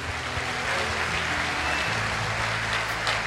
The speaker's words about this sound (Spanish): Alguien que le dé un mejor aplauso al Rey.